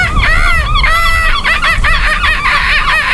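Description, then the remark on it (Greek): A voice imitates a seagull with a quick run of loud, high squawking cries. The short, wavering calls follow one another with barely a pause. “Μπορεί να κάνεις και το γλάρο.”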